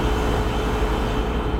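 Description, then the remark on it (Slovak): A steady, low refrigerator hum drones on without any change, a constant electrical buzz with a faint tonal whine riding on top, moderately loud, with no voices. “Hneď z fleku som si spomenula, že na 5 zvukov, ktoré proste sú, vieme o nich, ale ako si vypustili sme ich z hlavy v bežnom fungovaní dňa, napríklad, čo také húčanie chladničky? To je ona.”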